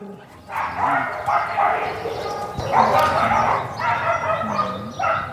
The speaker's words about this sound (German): Und so ungefähr hört sich's an, wenn viele Tiere, meist Hunde, auf engem Raum zusammenleben, meist hinter Gittern und sich vielleicht wundern, wo eigentlich ihre Eigentümer abgeblieben sind.